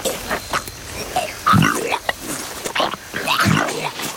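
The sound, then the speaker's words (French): A Komodo dragon regurgitating a goat: wet guttural retching and heaving, with two heavy throaty surges about two seconds apart amid rasping breaths. “Je régurgite la chèvre. Je dois m'alléger pour fuir.”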